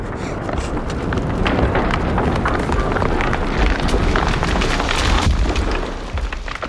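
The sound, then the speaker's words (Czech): A house collapsing: a loud, sustained roar of rumbling and sliding debris, dense with cracking and splintering crashes throughout, easing off only in the final moment. “Sesouvá se.”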